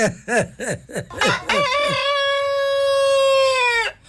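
A gray rooster in a farmyard lets out a long, loud, sustained crow that holds steady before cutting off, preceded by a quick run of rising-and-falling clucks from hens.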